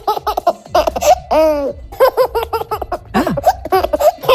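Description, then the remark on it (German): A baby boy laughs in bursts of bright, rhythmic giggles and squeals, loud, with a brief high-pitched squeal partway through and no talking. “Ach so, lachen, guck, ja.”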